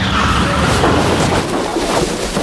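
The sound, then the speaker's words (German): A loud, sustained crash of a car ploughing into a hay wagon standing in a farmyard, a dense rumbling, crunching roar that fills the whole moment, with no voices. “Ein Auto. Es ist hinter uns hergefahren. Und in den Heuwagen gekracht.”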